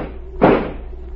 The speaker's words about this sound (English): Stand away from the door. I'm going to shoot the lock.